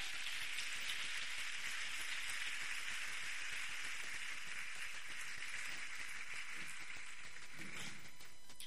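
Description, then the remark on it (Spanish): An audience breaks into dense, continuous applause for God at a preacher's call, a steady wash of many hands clapping that holds at an even level for about eight seconds with no one speaking. “Dale un aplauso a Dios.”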